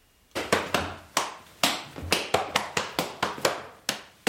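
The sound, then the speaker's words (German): Rapid, loud slaps of hands on thighs and shoes in a lively, uneven rhythm, about a dozen sharp smacks as an 11-year-old boy in lederhosen practises the Schuhplattler dance, with no voices. “In seiner Lederhosen übt der 11-jährige Josef Schubladeln, denn morgen Nachmittag steht er mit auf der Bühne vor dem Rathaus”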